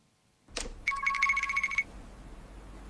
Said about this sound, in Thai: ฮะเบอร์แปลกโทรมาอีกแล้ว